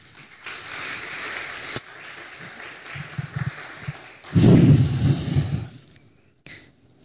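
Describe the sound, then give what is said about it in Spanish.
An audience gives a loud round of applause to the Lord, clapping together in a steady, noisy wash that swells louder toward the end, then fades abruptly into near silence. “Le invito a que dé un fuerte aplauso al Señor.”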